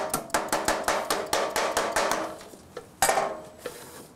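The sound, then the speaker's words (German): Rapid, evenly spaced hammer blows ring out on sheet metal, each strike bright and clanging, about a dozen in a steady rhythm before a short pause and a few louder final hits. No one speaks. “Wird das Blech beim Hämmern verdichtet, spricht man dabei von Bördeln.”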